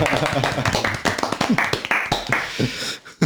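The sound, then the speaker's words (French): A few people clap after a poetry reading in short, uneven, moderately loud bursts, while voices talk and laugh over the applause before it fades out. “Ça s'applaudit la poésie du coup Ah, chez nous, oui.”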